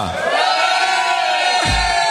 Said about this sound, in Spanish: ¿Tú crees que si yo le pido a la gente de León que pegue un grito, que lo oigan en Valencia, en toda España, que estamos conectados 51 emisoras ahora mismo, lo harán? Yo creo que sí, de ¿sí? Bien. Vamos a ver. León, un grito para toda España.